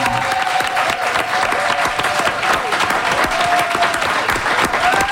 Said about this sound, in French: Et on a eu envie de recevoir Steven Guilbeault, député libéral sortant de Laurier-Sainte-Marie, et Manon Massé, députée solidaire sortante de Sainte-Marie-Saint-Jacques. On les applaudit!